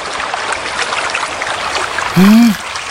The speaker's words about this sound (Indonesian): Wah, air sungai ini deras sekali.